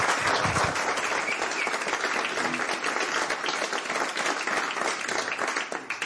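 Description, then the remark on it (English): An audience in Seville at a radio interview applauds steadily for about six seconds, a dense wash of many hands clapping at once, loud and sustained without pause, fading slightly at the very end. “So this is Seville. Some applause, please.”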